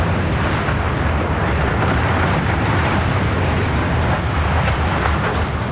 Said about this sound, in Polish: Wystarczyło kilka sekund i nie ma już śladu po ponad 70-metrowej konstrukcji. W Jastrzębiu-Zdroju wysadzono wieżę szybową po byłej kopalni Jasmos. Użyto do tego 50 kg dynamitu.